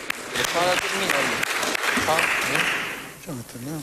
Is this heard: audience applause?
yes